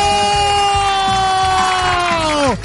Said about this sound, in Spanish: ¡Fuerte el aplauso!